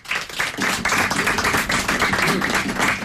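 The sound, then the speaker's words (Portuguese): A round of applause from a crowd for a Portuguese guitar player at a fado session with the Associação Cultural O Fado: dense, continuous clapping that holds steady and fairly loud throughout, with a faint murmur of voices mixed in. “Vamos ter, na guitarra portuguesa, para quem eu peço uma salva de palmas”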